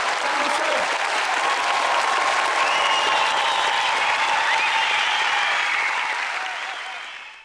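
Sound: audience applause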